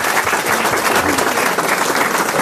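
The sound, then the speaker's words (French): A crowd applauds a young woman in the front row who took part in Koh-Lanta, a dense wash of many hands clapping at once, loud and sustained without a break for the whole moment, with no speech on top. “On peut l'applaudir, mademoiselle.”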